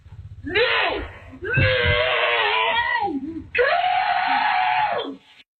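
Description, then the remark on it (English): Slow-motion replay of a woman and her children screaming as a dog brings an armadillo into their house, stretched into three long, warbling, drawn-out bursts with brief gaps between them, loud over a low rumbling undertone. “all of whom immediately freak all the way out. For journalism reasons, here's part of that clip again in slow motion.”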